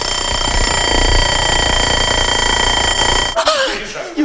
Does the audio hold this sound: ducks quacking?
no